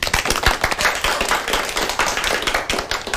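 A crowd claps steadily to welcome a child who is about to recite a classical poem, many hands producing a dense, continuous patter of sharp slaps with no voices, holding at an even, fairly loud level throughout.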